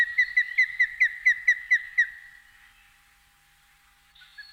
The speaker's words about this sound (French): le balbuzard pêcheur.